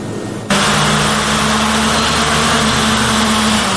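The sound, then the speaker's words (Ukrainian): Drone motors being tested in a military drone workshop kick on abruptly after a brief quiet moment and run at a steady, loud whir with a constant humming pitch, no voices present. “Цей дрон не в полоні і йому нічого не загрожує. Це лише тестування його двигунів.”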